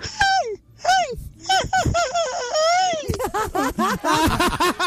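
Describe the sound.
A male contestant in a yell contest on Candela radio imitates a famous singer's signature yell: loud, wavering vocal cries that swoop up and down in pitch, starting with long drawn-out wails and breaking into quicker, choppier bursts toward the end.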